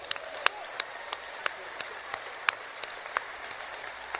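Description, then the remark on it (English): An audience applauds a band member being introduced at a concert: sharp claps land in a steady rhythm, about three per second, over a continuous wash of crowd noise at moderate loudness. “A nice round of applause, if you will, from Pensacola, Florida,”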